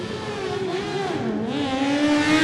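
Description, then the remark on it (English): The 600 racing motorbike of French rider Timothy Minot revs hard off the start of a timed race, its steady high-pitched whine dipping briefly before climbing again, loud and continuous with no talking. “That poor 600 is going to get an absolute hammering.”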